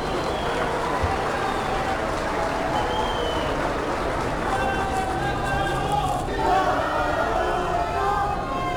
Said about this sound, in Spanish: La gente aplaudió cuando vio a los presidentes Javier Milei de Argentina y a Daniel Noboa de Ecuador, justamente cuando estaban en la alfombra roja antes de entrar a la arena. A Milei también lo aplaudieron cuando entró al auditorio.